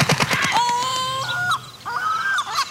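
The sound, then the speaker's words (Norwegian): Loud seagull calls during a gull attack on someone about to eat food outdoors: a quick burst of clipped cries followed by two drawn-out, nasal wailing squawks, with no talking. “For plutselig blir du utsatt for et måkeangrep.”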